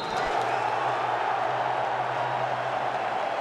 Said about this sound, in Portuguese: Minuto de silêncio respeitado como se deve no Hard Rock Stadium. Aplausos da galera.